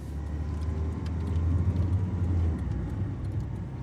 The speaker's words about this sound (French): Je monte dans la voiture. Twingo verte. A104.